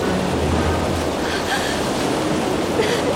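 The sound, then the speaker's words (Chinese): Steady, loud rushing water roars without a break, a dense churning wash of a powerful underground waterfall inside Shuanghe Cave, a karst cave, with a faint low rumble underneath. “是洞内瀑布。”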